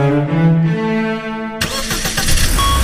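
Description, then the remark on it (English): A car engine starts up, a steady whining crank giving way to a loud, rough roar as the motor catches and runs, with no one speaking. “Love your engine? Choose quality fuels with Shell.”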